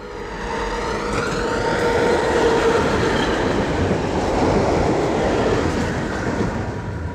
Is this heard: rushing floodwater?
no